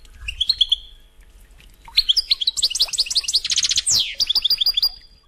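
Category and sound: bird, european goldfinch song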